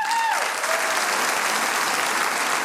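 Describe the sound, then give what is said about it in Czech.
Steady, dense applause from a large audience in a packed cultural house in Čelákovice as the town's mayor, Josef Pátek, comes on. The clapping holds a constant loud level, with a brief tonal trace at the start that fades as the clapping continues. “Dámy a pánové, já doufám, že takový potlesk sklidí i muž, který právě teď přichází.”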